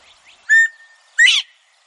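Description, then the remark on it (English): A northern bobwhite quail calls once, clear: a short whistled note followed by a louder, sharply rising whistle, with quiet background and no talking. “As a result, bobwhite numbers have plummeted.”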